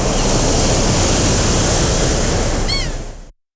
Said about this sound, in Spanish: Hay veranos que se recuerdan para siempre. El sonido del agua, la arena, el sol, un salto al río.